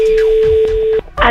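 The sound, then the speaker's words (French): A steady telephone line tone hums for about a second as a call is placed, then cuts off abruptly and gives way to a short burst of noisy sound. “C'est parti, double appel sur Sky.”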